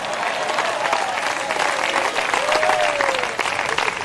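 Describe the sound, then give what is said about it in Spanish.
A church audience claps loudly and steadily for God, a dense wash of applause filling the whole clip, with a few faint cheers or voices rising above it. “Pero fuerte ese aplauso, si es para Él.”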